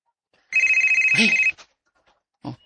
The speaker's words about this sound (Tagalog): Ay, napugwat! Makalitan siya pag-ring. Ug, kalit nining akong cellphone.